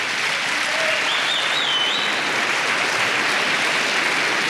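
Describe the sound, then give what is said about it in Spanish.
A church audience claps in sustained applause to the Lord during a sermon, a dense, steady wash of many hands at even loudness throughout, with a faint high whistle or cheer rising briefly above it. “Alguien dele palmas al Señor por eso.”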